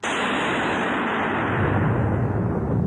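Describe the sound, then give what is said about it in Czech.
A heavy roll of thunder over a forest rumbles without a break, a dense, loud roar that deepens toward the end, with no voices over it. “A hromy bíjí po všem lese.”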